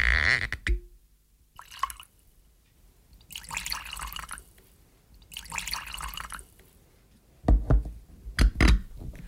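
Whisky is poured into glasses in a ship captain's cabin in short bursts, a few separate splashing pours with pauses between, followed by clinks and knocks of glasses set down.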